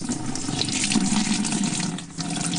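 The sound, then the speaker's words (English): Water runs steadily from a low-pressure household tap in Port Moresby, Papua New Guinea, for a few seconds, a thin, continuous splashing trickle with no voices, dipping briefly before carrying on. “This is a sound from many households in Port Moresby as they try to come to terms with a low-pressure water or no water at all.”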